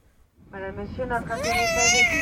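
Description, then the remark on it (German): A baby in the next seat on a 12-hour flight starts crying, quickly building into a loud, sustained wail whose pitch climbs and strains. Continuous, with no other voices. “12 Stunden Flug und das Baby neben mir schreit jetzt schon los.”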